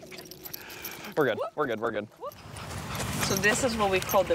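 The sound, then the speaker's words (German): Dogs yip and whine excitedly in a short burst as they are taken out for a walk in New York State, with a faint jingle of keys, followed by people talking in the background as movement continues. “In New York State müssen die Hunde von … Mutter … mal raus”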